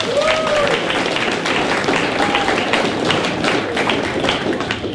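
A crowd breaks into steady applause for an event winner at the 2026 Tussock Country GWD Ute Muster, dense overlapping claps filling the whole stretch at a fairly loud level, with a few faint whistles and cheers rising above the clapping.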